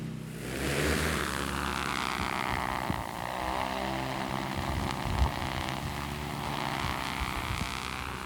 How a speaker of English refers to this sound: All right, we're ready to launch the drone. Copy. Tell me precisely where you want it. So if your drops are slightly below the contour, that would be perfect. Okay, launching.